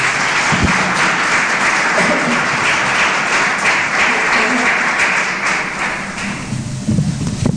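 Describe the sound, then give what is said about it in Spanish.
An audience applauds Jesus Christ loudly and steadily, a dense wash of clapping that holds for several seconds, then thins out and fades near the end with a few scattered claps and voices. “Nos demos un aplauso fuerte a Jesucristo, por favor.”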